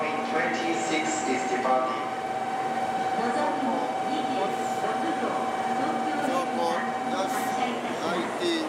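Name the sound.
train departing from station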